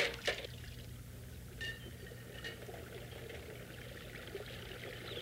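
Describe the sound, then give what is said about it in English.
A river flows steadily, a continuous rushing, babbling wash of water with a few brief splashy bursts near the start and no voices. “Good thing I could come to the river and get away from her.”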